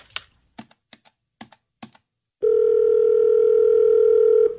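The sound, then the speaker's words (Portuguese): A handful of quick, sharp taps, like numbers being dialed, followed by a loud, steady telephone tone that holds without a break to the end. No one speaks. “Ah, vou ligar pro Douglas e falar com ele para fazer essa parte.”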